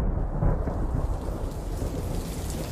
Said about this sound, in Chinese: 窗外淅淅沥沥的雨声侵蚀了他们谈话的声音。